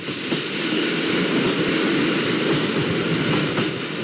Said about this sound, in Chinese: 经过不停靠的站点的时候，列车已经达到了时速的上限，125公里每小时。电车上的玻璃都发出了咣咣的震动声。